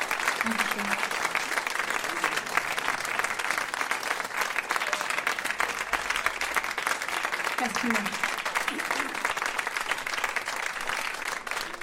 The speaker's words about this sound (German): Applaus.